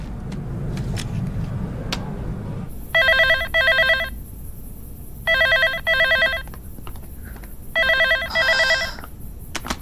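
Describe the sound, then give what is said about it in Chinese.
A telephone rings three times, each ring a quick double trill, loud against a quiet background hum, as a call to the child's father goes unanswered. No one picks up and no voices are heard. “在家呢，给你爸打个电话。”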